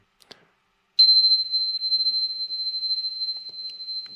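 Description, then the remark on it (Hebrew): A couple of faint clicks, then a high-pitched bell is struck once and rings on as a steady, piercing tone with a slight shimmer, sustaining without fading for several seconds. “לדוגמה, הפעמון הזה,”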